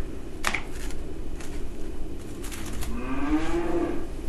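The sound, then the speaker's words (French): A cow lets out a single low, drawn-out moo that rises slightly, heard alone over a steady outdoor background with a few faint clicks and rustles before it. “Je crois qu'elle en a quelque chose à foutre, cette vache, ouais.”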